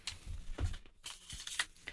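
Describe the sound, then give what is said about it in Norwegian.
Soft rustling and crinkling of paper in short irregular bursts, with a few low thumps as the paper is shuffled and put away inside something; fairly quiet and with no talking. “Da legger jeg bare papiret inne der.”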